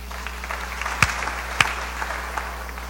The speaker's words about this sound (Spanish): Y a nuestros hermanos de Las Maravillas. Ahí están nuestros hermanos, aplausos para nuestros hermanos. Gracias, hermanos y hermanas, a los hermanos del coro, a la pastoral de niños, a todos. Muchas gracias, hermanos, y fuertes aplausos para todos.